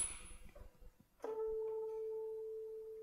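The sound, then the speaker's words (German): A tuning fork, used to check the pitch of a string, is struck and rings with a steady, pure tone that holds evenly for a couple of seconds, clear, after a brief stretch of quiet background noise. “Wir haben dazu in früheren Jahren eine sogenannte Stimmgabel gehabt.”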